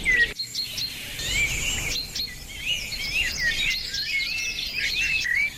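A songbird sings a continuous, varied run of clear, high whistles and trills, with faint background chirping and a soft outdoor hiss underneath.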